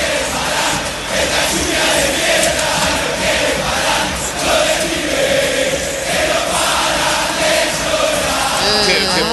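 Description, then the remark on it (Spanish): A huge crowd of football fans chants in unison at the Boca supporters in torrential rain, a loud, continuous roar of massed voices with a rhythmic sung pulse, and a brief whistle-like sound rising near the end. “Mirá cómo le cantaba a la hinchada de Boca, la lluvia torrencial.”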